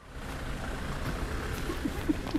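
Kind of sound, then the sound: vehicle, car driving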